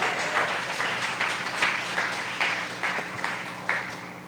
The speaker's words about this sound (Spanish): A su nombre gloria, denle palmas al Señor.